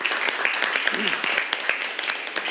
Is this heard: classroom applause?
yes